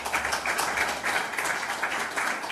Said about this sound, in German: Genau, einmal auch ein Applaus für Sie.